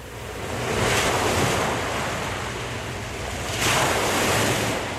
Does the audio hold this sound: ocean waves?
yes